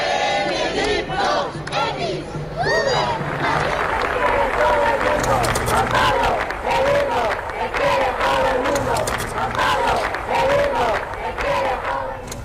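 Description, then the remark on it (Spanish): A large crowd in Madrid chants and shouts in rhythmic unison during the papal visits of John Paul II and Benedict XVI, loud and sustained, with overlapping voices, bursts of cheering and scattered claps throughout. “Estos son algunos de los gritos que había que se escucharon en Madrid en las anteriores visitas de los papas Juan Pablo II y Benedicto XVI.”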